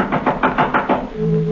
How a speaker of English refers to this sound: someone knocked at the front door. It was late.